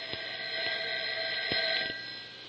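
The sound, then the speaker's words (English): A telephone rings with a steady, continuous electronic trill, moderately loud, broken by a few soft clicks, with no one speaking; the call is from the police. “Don't answer the telephone if it rings.”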